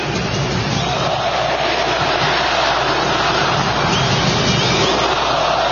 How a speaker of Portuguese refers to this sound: Uma vaia do tamanho de Belém do Pará, do estado do Pará.